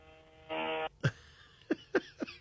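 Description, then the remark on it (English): A short, buzzy fart-like noise comes through a caller's phone line on the Ron Potesta Show, WNIR radio, Akron, followed by three or four brief, sharp bursts of noise. No one speaks. “Sounded like a fart.”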